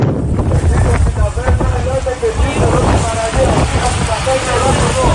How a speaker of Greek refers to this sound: Καφοί του λιμενικού προσεγγίζουν την παραλία της Πρέβελης που έχει περικυκλωθεί από το πύρινο μέτωπο.